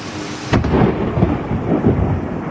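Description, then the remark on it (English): A sharp, sudden crack of thunder from a close-up lightning strike roughly a fifth of a mile away, heard about a second after the flash, followed by a loud, sustained rumbling roar that continues with rain-like noise underneath. “This is an amazing video of a close-up lightning strike.”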